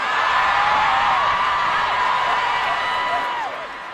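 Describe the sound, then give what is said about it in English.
A huge concert crowd at Madison Square Garden screams and cheers nonstop, a dense roar laced with high, sliding shrieks and whoops, staying loud throughout before easing slightly in the final half-second. “The crowd went crazy.”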